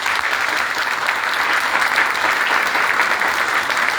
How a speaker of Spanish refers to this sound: Comenzamos de inmediato, es el trabajo de la Mesa de Cultura de Chañaral Alto que nos traen la fiesta del tomate, y para ello, con un fuerte aplauso a familia, por favor.